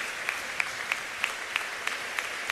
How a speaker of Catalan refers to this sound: Clar que sí, anem a fer aquest fortíssim aplaudiment, perquè gràcies a ells podem arribar a molts altres indrets.